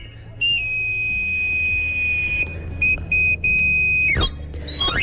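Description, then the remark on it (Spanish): A knife grinder's shrill whistle call, heard until recently in the Madrid de los Austrias district of Madrid, Spain, holds one long high note, then sounds a few short notes, a quick downward slide and a brief rising flourish over a low background rumble. “Por el Madrid de los Austrias se escuchaba hasta hace poco este reclamo.”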